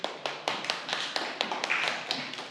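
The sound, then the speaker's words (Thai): A group of children in a class claps for a classmate who answered correctly, an uneven patter, a quick run of sharp, bright slaps lasting a couple of seconds with no talking. “โอเคเก่งมากปรบมือให้เพื่อนหน่อย”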